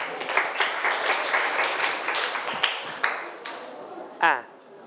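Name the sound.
students applauding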